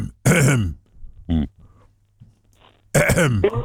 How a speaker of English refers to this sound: No, he's just clearing his throat.